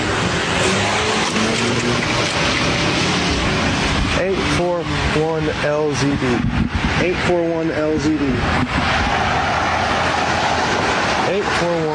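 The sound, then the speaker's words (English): A car roars by, its loud engine and road noise filling the whole stretch, while a person's voice cuts in over it partway through; the driver is trying to run the speaker over. “Your patient just tried to run me over.”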